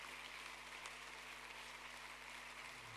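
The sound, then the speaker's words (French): An audience applauding Jesus, a dense, steady wash of many hands clapping together that holds evenly for several seconds, with no voices standing out above it. “Applaudissez Jésus, élevez son nom.”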